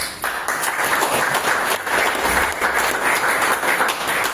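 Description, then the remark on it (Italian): Steady audience applause for mister Formisano, dense overlapping claps sustained at a fairly loud, even level for several seconds with no voices. “Applauso d'obbligo per mister Formisano”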